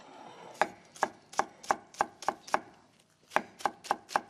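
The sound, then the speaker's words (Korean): A knife slices a Korean large green onion (daepa) into thin rounds on a cutting board in a steady run of sharp, crisp taps, about eleven strokes with a brief pause before the last four. No one speaks. “잘라주고 송송송”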